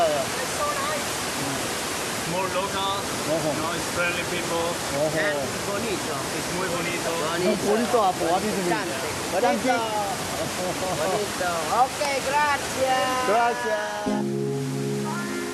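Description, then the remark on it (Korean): A steady, loud roar of two rushing waterfalls fills the whole clip while several voices talk over it; a few sustained musical tones enter right at the end. “생동감 넘치는 두 개의 폭포.”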